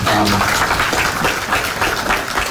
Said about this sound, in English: So rather than being yelled at, he got applause last night. He would have been happy about that.